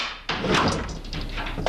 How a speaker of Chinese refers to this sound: 我开门去了啊。